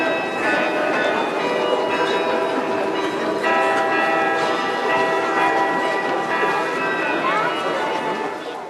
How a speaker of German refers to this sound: Im Wiener Walzertakt zu den Klängen aus dem Roten Turm, die Stadtkarillonneur David Drambian dort auf dem größten Glockenspiel Europas spielte